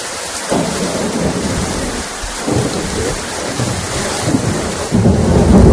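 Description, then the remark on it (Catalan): Steady heavy rain pours down with lightning while deep rolls of thunder rumble through, swelling louder near the end, during an evening and night storm in Catalonia, mainly on the central coast and pre-coastal area. No voices, just the loud storm. “Ho escolten, la pluja, els llamps i els trons han estat els protagonistes d'un vespre i d'una nit molt complicada al territori català amb motiu del temporal que ha sacsejat Catalunya, sobretot al litoral i prelitoral central.”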